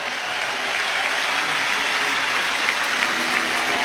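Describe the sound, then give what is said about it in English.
A large crowd at Wrigley Field applauds and cheers as Cubs pitcher Shota Imanaga walks back to the dugout after being taken out of the game: a steady, dense roar of clapping at an even loudness, with no voices distinct above the wash. “And listen to the crowd here at Wrigley Field as Imanaga heads back to the Cubs dugout along the third baseline.”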